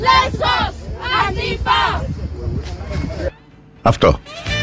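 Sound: protest crowd shouting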